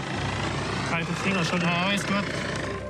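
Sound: rescue helicopter flying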